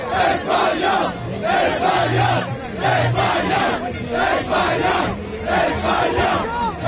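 A large crowd of Spain football fans chants and cheers loudly in the streets of New Jersey, celebrating their team's second World Cup title; rhythmic shouted chants rise and fall in waves with no single voice standing out.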